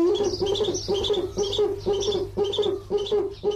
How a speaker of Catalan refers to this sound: Duc, bubo, bubo. Mussol que trobem en hàbitats forestals i rupícoles durant tot l'any.